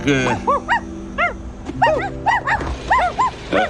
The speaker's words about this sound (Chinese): 这两只小狗宝宝不敢过马路